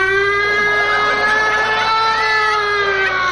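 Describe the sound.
A woman's voice imitates a fire siren, holding one loud, high, sustained wail that wavers slightly in pitch for about three seconds, with no other sounds around it.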